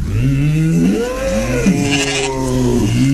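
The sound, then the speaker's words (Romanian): Several deep, drawn-out lowing calls from a herd of oxen overlap and rise and fall continuously, fairly loud, with no talking. “Ne-a dus destinul încă mai departe, pe insulă unde ținea Apollo cireada lui cu boii cei mai sacri.”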